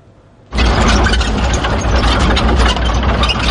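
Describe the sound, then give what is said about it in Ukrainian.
A Ukrainian National Guard brigade's armored vehicle engine kicks in abruptly after a brief quiet moment, then runs loud with a steady, deep rumble and rough mechanical clatter as it sets off toward Dobropillia under morning fog. “Так, під прикриттям ранкового туману на броньованій машині бригади «Карадах» ми вирушаємо під Добропілля.”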